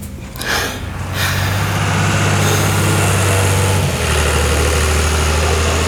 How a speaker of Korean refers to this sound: 잠시 후 거친 엔진 소리를 내며 잠반 수거통을 실은 트랙터가 부대로 들어왔다.